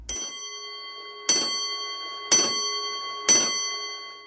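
A clock bell strikes four times at an even, unhurried pace, each clang leaving a sustained metallic ring that hangs between strikes. The source is the famous medieval clock on the central square of Prague, made in 1490. It is moderately loud, with no voices.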